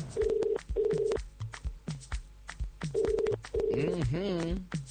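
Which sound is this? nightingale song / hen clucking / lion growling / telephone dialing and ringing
telephone dialing and ringing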